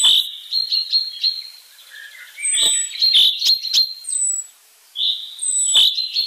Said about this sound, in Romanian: Aproape un secol mai târziu, un ornitolog britanic a demonstrat că trilurile cintezelor din Scoția variază chiar și de la o vale la alta.